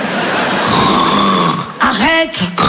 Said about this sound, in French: Arrête, quoi, qu'est-ce qu'il y a? Bah, tu ronfles un peu, chérie, ça m'étonnerait, je dormais pas.